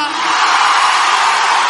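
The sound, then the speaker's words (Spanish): A large audience lets out a loud, sustained collective war cry, many voices roaring together in one continuous wall of noise for under two seconds, intense with no individual speech. “Aquel que nada ni nadie lo detiene, da un grito de guerra.”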